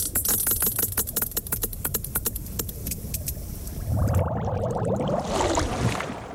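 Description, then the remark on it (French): A rapid, steady train of sharp sperm whale echolocation clicks, produced by the organ at the front of its skull called the monkey's muzzle, over a low rumbling background, giving way near the end to a denser, noisier wash where fainter clicks continue. “La deuxième narine, entre guillemets, a évolué pour devenir un organe que l'on appelle museau de singe, avec lequel il produit les clics, caractéristiques de son espèce.”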